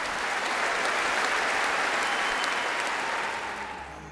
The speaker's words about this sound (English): The Royal Albert Hall, and the arrival of a very special birthday guest of honour. Sir David had planned to celebrate his 100th birthday quietly at home. However, he is Britain's most popular public figure. The applause said it all.